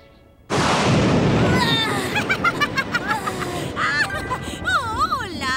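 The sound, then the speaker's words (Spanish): A loud thunder clap bursts in suddenly after a brief quiet, then rolls on as a broad, rumbling roar while high, wavering vocal cries and whimpers rise over the fading boom. “Ahora permítanme presentarles al genial y al único señor Trueno. ¡Ese sí que estuvo fuerte!”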